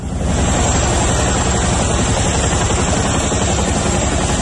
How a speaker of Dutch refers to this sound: Ja, het geluid van Chinooks en helikopters die meededen aan een militaire oefening. Het ging om een antiterreuroefening van de Koninklijke Luchtmacht, waarbij onder meer een gijzeling werd nagebootst.